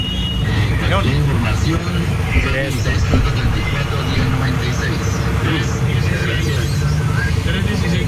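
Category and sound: vehicle, everyday road traffic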